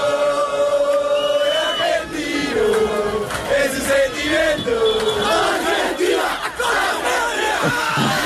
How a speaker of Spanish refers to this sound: ¿Y dónde viven más argentinos en todo el estado? Pues en Barcelona, allí miles de hinchas salieron a las calles también, como no, a celebrar.